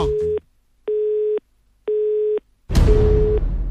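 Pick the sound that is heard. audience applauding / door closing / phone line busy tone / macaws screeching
phone line busy tone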